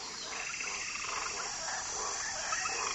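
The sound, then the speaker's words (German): A dense chorus of frogs croaking and trilling continuously in a South American rainforest, layered with insect-like buzzing, giving a steady, busy night ambience with no voices. “Frösche in knallbunten Farben leuchten zwischen den Wurzeln hervor.”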